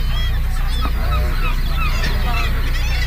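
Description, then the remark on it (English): A dense breeding colony of birds, heard on a boat tour, calls nonstop, dozens of overlapping honking, goose-like cries filling the air with a steady, noisy din. “Now, all of these birds here are here for one reason and one reason only, and that is to get lucky.”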